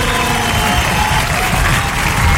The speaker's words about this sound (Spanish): Este aplauso es tuyo con mucho amor.